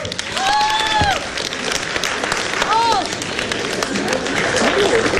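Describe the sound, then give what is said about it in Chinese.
Steady audience applause for the performance of 'The Emperor's New Clothes' fills the space, dense and continuous, with a few cheers and whoops rising briefly above the clapping. “掌声”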